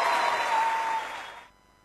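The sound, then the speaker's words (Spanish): A short burst of steady, full applause from a crowd that thins out after about a second and cuts off abruptly, leaving near silence. “Aplausos, aplausos.”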